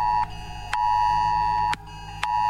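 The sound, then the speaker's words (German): A smartphone emergency alert for an 11 o'clock test warning blares from a new phone, a loud, sustained electronic tone broken by short pauses into a repeating on-off pattern, with faint clicks at each break and no one speaking. “Siehst du, neues Handy, jetzt geht die Meldung auch.”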